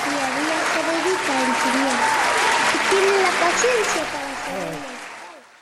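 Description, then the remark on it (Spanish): Sustained applause from a crowd, loud and steady for about four seconds before tapering off, with voices murmuring and calling out beneath the clapping. “Esos aplausos son para nuestra hermana”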